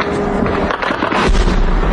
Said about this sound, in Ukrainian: Вдень мешканці Криму долають труднощі життя без електрики, води, зв'язку і пального, а вночі здригаються від гучних вибухів.